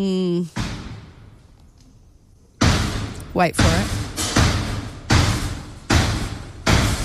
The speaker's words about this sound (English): It's like a horror movie, eh? It's so scary. Banging away. This was the lift next to you as you were trying to take the lift. Very scary. So I was in the middle lift and the one on the side is under construction or refurbishment or something.